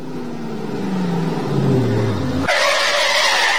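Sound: car skidding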